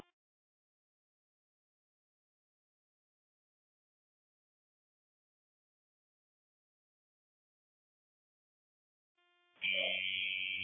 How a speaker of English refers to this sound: Yeah, we got alarms going off. Trying to make access to a office where the panel's at.